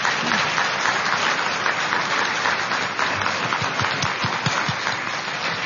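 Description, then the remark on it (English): A crowd applauds the candidates on stage at a Paducah Chamber candidates' forum in West Kentucky, steadily for several seconds, a dense, even wash of many hands clapping at a fairly loud, constant level with no talking over it. “But let's give our candidates a nice round of applause.”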